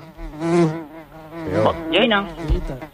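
A fly buzzes in a continuous, wavering drone that rises and falls in pitch as it circles, with no talking over it.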